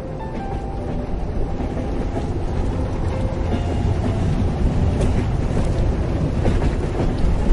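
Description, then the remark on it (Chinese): A train rolls steadily along the rails and plunges into a long tunnel in winter, heard from inside a swaying carriage, with a dense, continuous rumble and faint rhythmic clattering beneath it, growing slightly louder, with no voices. “请想象，您正坐在一节摇晃的车厢里，窗外是冬季的喧嚣，但随着列车哐当哐当有节奏的前行，它一头扎进了一条长长的隧道，周遭瞬间陷入一片黑暗与轰鸣，空气也变得沉闷。”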